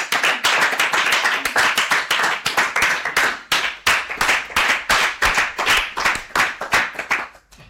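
A small group of children clap together in quick, steady rounds, the sharp claps bunching into an even rhythm for several seconds before trailing off. Nobody speaks.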